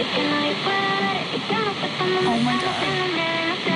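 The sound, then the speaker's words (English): Shortwave radio static hisses steadily while tuning, with warbling whistles and faint garbled voice-like tones drifting in and out under the broad noise, as pliers are held on the antenna to improve reception. “Okay, I'm holding the pliers on the antenna and getting way better reception.”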